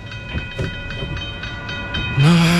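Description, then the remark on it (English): A train rumbles past a level crossing with a steady clickety-clack of wheels over the rails, then a loud, low train horn blares out and holds through the end. “If traffic is crawling, stop before the crossing. Wait till the tracks are clear.”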